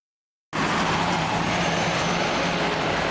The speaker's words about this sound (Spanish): El ruido de autos llega hasta las aldeas del Yaraguá. En la zona noroeste de São Paulo, el territorio indígena está junto a algunas de las principales autopistas de la ciudad.